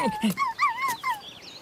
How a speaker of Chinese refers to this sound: 花花却勇敢地走了出来。 啊，原来是只小狗， 正想吃狗肉呢，看我不抓住你。